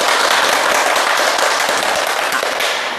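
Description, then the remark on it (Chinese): Loud, steady applause from an audience of students and teachers welcoming Professor Yao Xishuang of the Communication University of China to a classical poetry recitation program, a dense wash of many hands clapping that holds for the full three seconds and eases slightly at the end, with no voices over it. “今天呢，我们非常高兴地邀请到了国家语委咨询委员、中国传媒大学的姚喜双教授，我们掌声欢迎。”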